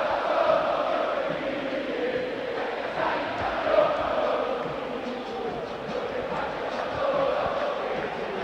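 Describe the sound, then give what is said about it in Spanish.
River fans in the Monumental football stadium shout and roar in the rain, a dense, continuous wall of voices holding steady loudness with brief swells of louder yelling every few seconds. “La película de terror se va completando con esto, con la adversidad climática, con un marcador adverso, con el pueblo de River que grita, y River lo va a buscar.”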